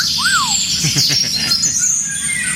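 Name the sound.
eurasian golden oriole song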